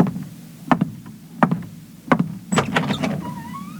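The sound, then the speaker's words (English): Three sharp, separate mechanical clunks, then a quick rattle of metallic clicks like a lock turning, ending in a short rising creak as a door swings open, with no voices. “I think the door is still locked.”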